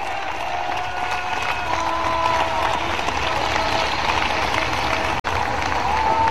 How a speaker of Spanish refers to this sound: Bueno, ¿cuántos le dan un aplauso grande ahí al Cristo de la gloria?